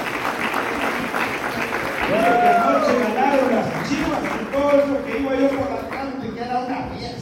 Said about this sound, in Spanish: Y entre que estamos aplaudiendo para que vea que le seguimos queriendo